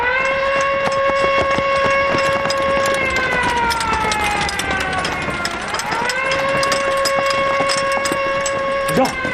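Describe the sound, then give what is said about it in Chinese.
A loud, sustained alarm siren wails steadily with strong harmonic tones, dipping in pitch midway before rising back to a steady drone, with faint background noise throughout. “啊，警报，警卫排全体集合，进城抓特务。”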